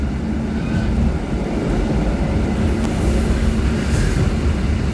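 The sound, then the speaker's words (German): A steady, loud low rumble of an older train model rolling out of Wachodnja, with continuous rattling and a faint metallic hiss above, heard from inside the carriage without anyone talking. “ist ein bisschen ältere Zugmodell, rüttelt noch ein bisschen. Wir fahren jetzt aus.”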